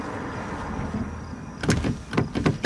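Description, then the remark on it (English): In a scene from the film Maddie's Secret, a stuck car door handle rattles and clunks in a quick series of sharp mechanical knocks after a stretch of low engine hum, as someone repeatedly tugs at the door after being driven home. “Oh, Dina, the door's stuck. Oh, sorry. Thanks. Oh, it's still, yeah. Sorry. There it is. It's a little finicky.”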